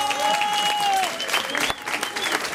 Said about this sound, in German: Das ist ein Applaus wert. Großer Applaus.